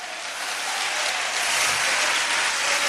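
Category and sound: crowd, applause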